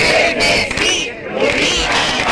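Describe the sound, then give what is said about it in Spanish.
About 1,000 protesters in a coastal village shout slogans such as "Chernesí, Lubinas no" against a planned sea bass fish farm, a loud, dense wall of voices with rising and falling chant-like surges and a brief dip in the middle before the shouting swells again. “En la aldea esta mañana, con gritos de Chernesí, Lubinas no, unas 1.000 personas se han manifestado contra una piscifactoría que se prevé instalar en su costa.”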